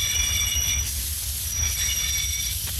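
A train pulls into Munich Hauptbahnhof at 16:31 with steady high-pitched wheel squeals ringing over a deep rumbling low end, continuous, with no voices.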